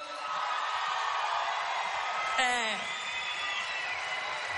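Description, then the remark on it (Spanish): A crowd in Buenos Aires applauds and cheers as Payano, a special guest, is called to the stage, in a steady, dense wash of sound, with one sharp, high whoop rising above it about halfway through before the clapping carries on. “A continuación, tenemos una invitada muy especial que no necesita mayor presentación que llamarla al escenario y darle un aplauso fuerte a Payano.”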